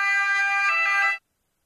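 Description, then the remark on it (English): A loud, steady siren wail with a bright, harmonic tone holds for about a second, then cuts off abruptly into silence. No voices are heard. “Ah, there is the siren.”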